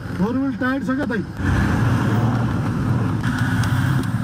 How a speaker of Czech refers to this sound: Tohle je teprve začátek a jistota, že sklon ani povrch nemůže naše Toyota zvládnout, mě rychle přešly. Cesta nemá na šířku ani 4 metry, pod koli se střídají ostré kameny s ještě ostřejšími